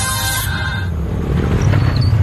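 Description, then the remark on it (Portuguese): A motorcycle engine rumbles past, a low throaty growl with a brief higher whine at the start, swelling louder toward the end. No one speaks. “Ouviu essa moto?”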